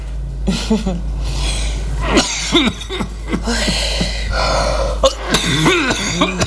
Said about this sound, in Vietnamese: Sao ho dữ vậy? Rồi sao ông không uống thuốc đi?